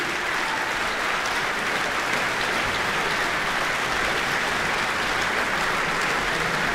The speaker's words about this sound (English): And here they come. Another bow. All those fans whistling and shouting.